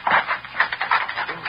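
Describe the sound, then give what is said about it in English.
A door is tried, found unlocked and opened, with a series of clattering wooden rattles and knocks coming in quick, uneven bursts. “Cato, try the door.”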